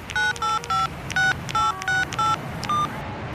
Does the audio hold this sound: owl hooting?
no